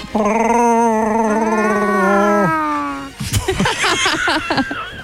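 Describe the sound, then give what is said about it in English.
A person on Power FM radio imitates a Chewbacca-style alien growl: a loud, sustained, wavering howl for about three seconds, then a burst of rough, gargling vocal noises. “Never tried to do your own Chewbacca sound?”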